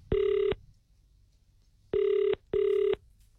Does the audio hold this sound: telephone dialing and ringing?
yes